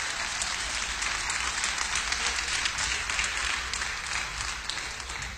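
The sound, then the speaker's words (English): A large audience applauds steadily in praise of the Lord, a dense wash of many hands clapping at once without pause, at a consistent, lively level from start to finish. “Come on, give the Lord a hand clap of praise in the house.”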